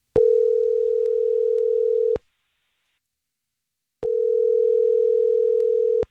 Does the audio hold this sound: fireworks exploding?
no